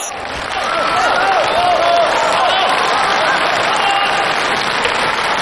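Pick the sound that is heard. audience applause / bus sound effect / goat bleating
audience applause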